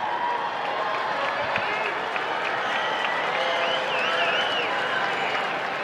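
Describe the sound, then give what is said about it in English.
Steady applause and murmuring from a small, late-arriving crowd at a ballpark at the start of a baseball game involving the Cardinals on a holiday weekend, a sustained wash of clapping at moderate volume with a few whistles rising above it near the end. “Kind of a small crowd here at the start of the game, although I've noticed that it's kind of a late-arriving crowd.”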